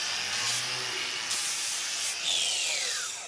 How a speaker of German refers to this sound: Das ist eine Flex und damit kann man die Klaue etwas begradigen. Und es macht es halt einfacher, wie wenn man es jetzt von Hand rausschneiden müsste mit dem Messer.